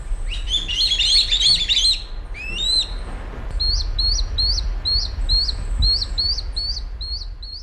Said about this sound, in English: On Sunday, an adult kite delivered food, a small bird of some kind, to what were obviously its begging fledglings. It sounded something like this.